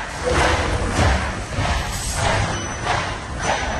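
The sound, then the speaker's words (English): Worn shoe soles squeaking against a floor, the soles worn through so the foam touches the floor: about five rubbery squeaks with soft thuds in a steady walking rhythm, fairly loud and with no talking. “So it turns out what's going on there is the sole of them is worn through, and it's the foam that's now touching the floor. That's what's squeaking.”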